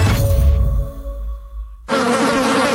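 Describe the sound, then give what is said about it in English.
Insects let in through a screen door buzz loudly inside a house, a steady droning hum that shifts pitch, then swells into a harsher, fuller buzz as one passes nearer. No one speaks. “There's nothing more annoying than the sound of insects buzzing around, especially inside your house because your screen door is letting them in.”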